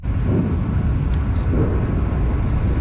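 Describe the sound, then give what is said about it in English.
Distant explosions rumble through the air just south of Moscow, Russia, following a large Ukrainian drone attack, as a deep, continuous low roar, swelling twice in soft, muffled waves, with no voices present. “Distant explosions rumble through the air just south of Moscow following one of Ukraine's largest drone attacks of the war.”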